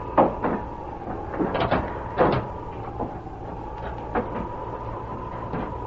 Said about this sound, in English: Wait till I close this door. There.